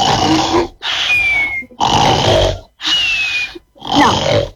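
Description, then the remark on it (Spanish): Loud, rough snoring comes in five quick, evenly spaced bursts, each a raspy, snorting rattle with a faint whistle, separated by short pauses, with no talking. “te vamos a tirar ronquidos y vos me decís, este es el que se parece, este es igual.”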